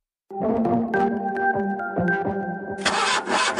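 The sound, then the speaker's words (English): A bakkie (pickup truck) engine struggles roughly, sputtering in uneven pulses under a droning whine, then bursts into a harsher, hissing roar for the last moment. No one speaks. “Ach nee man, my bucky just made a noise like a lion clearing its throat.”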